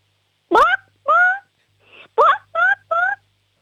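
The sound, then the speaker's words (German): A six-year-old child from the state of Salzburg imitates a chicken on request, giving six short, pitched clucks in two quick bursts of three, clear with a brief pause between. “Okay, und jetzt hätte ich gern, dass du mal gackerst wie ein Huhn.”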